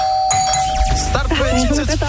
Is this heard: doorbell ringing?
yes